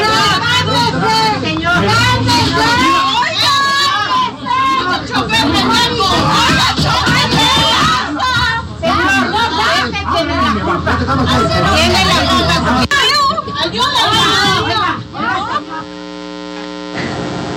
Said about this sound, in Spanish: Pero bueno, desgraciadamente tenemos este reporte por parte de usted, en el que vamos a escuchar a continuación parte de los gritos de las y los usuarios.